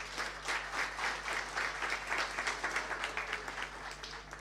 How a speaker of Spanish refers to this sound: Así que un aplauso para el equipo de farmacia, muy bien.